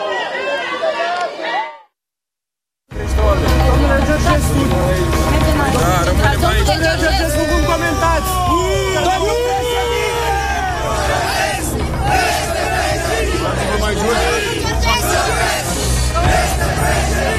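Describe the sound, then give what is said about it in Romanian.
A large crowd outside the central detention facility shouts and roars continuously, many voices overlapping into a loud, agitated din, with a low engine rumble underneath as a car arrives and enters the gate. “Îi auziți acum cum urlă, fac asta de fiecare dată când văd că o mașină vine aici și intră pe poarta arestului central.”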